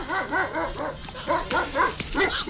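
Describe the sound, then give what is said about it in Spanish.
A dog gives a rapid series of high, whiny barks and yips, about eight in quick succession with a short pause in the middle, loud and with no talking. “Y él con el caballo, haciendo contenido con el perro.”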